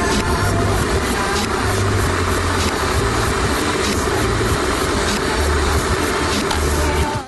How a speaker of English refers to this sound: I don't know if it's my headphones, but the sound of the kettle is really, really loud. It's really loud.